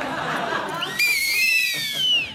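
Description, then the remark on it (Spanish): Two whistles knotted together and blown at once, a shrill, sustained dual tone that starts abruptly after a breathy rustle and holds for about a second, its pitch sagging slightly before it cuts off. “Dos silbatos que se han anudado y que ya por siempre quedarán anudados.”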